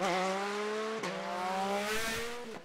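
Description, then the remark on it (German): A loud motorcycle engine whines at high revs, its pitch dipping briefly twice as it shifts gears and then climbing again in a sustained, speeding roar, on the Velchinger Berg, a mountain road with more than 20 curves near Blies-Ransbach. “Dass die größere Umwege in Kauf nehmen, nur um den Motorradrasern hier aus dem Weg zu gehen.”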